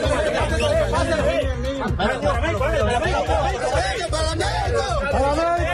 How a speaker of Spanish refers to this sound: Este que escuchan es el momento en el que rescataban a un bebé de los escombros. Alegría, nerviosismo y gritos que contrastan con el silencio necesario para la búsqueda